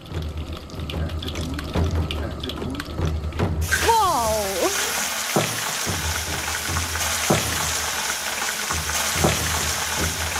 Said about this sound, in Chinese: 先将从河谷里找来的鹅卵石加热，当温度达到400摄氏度时，加入牛油。等牛油完全融化后，把牛肉块下锅翻炒。